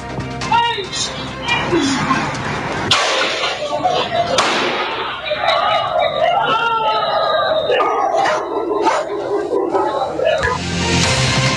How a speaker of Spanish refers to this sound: Parte de este ambiente, la cual se ven o se escuchan estos disparos, bien digo,